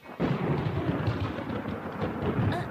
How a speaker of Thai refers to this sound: อะไรกันเนี่ยต้นไม้ของฉันต้นไม้ของฉันถูกฟ้าผ่าซึ้งแล้ว